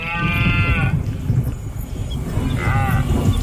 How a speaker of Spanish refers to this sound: El sonido de la berrea del ciervo, la llamada del lince ibérico o el crotoreo de la cigüeña blanca son algunos de los sonidos que podrán escuchar quienes participen